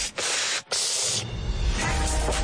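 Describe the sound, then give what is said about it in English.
Someone sucks air sharply through the side of the mouth, making loud breathy hissing with two brief pauses early on, then a longer, steady rush of air. No words are spoken. “But if you have to, try to take a quick gasp through the side of your mouth like this.”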